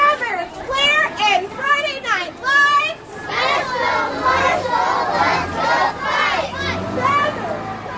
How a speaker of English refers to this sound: Each class held a banner matching this year's homecoming theme and chanted slogans of support for Marshall